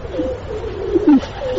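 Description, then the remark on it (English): Several pigeons coo together in soft, throaty, low-pitched murmurs, overlapping in a steady burble with one slightly louder coo near the end. “Why are you cooing? You're all bloody cooing.”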